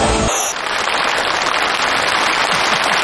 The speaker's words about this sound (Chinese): 谢谢，谢谢大家这么热烈的掌声。